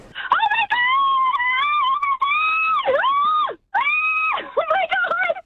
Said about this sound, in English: Ah, that was beautiful. Screaming at her. Well done.